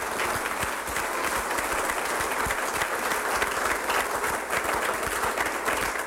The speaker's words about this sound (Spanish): Denle un aplauso a ese primer amor.